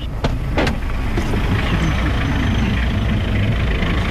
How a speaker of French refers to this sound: Sur le chantier du chemin de fer, tout n'est que poussière. Les camions des sociétés minières arrosent chaque jour la piste, mais ça ne suffit pas.